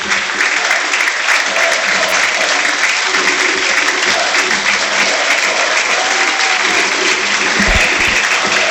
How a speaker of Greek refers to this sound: Αλλαγή για τον Παναθηναϊκό. Έξω Τετέι. Μέσα ο Πάντοβιτς. Τετέι χειροκροτείται.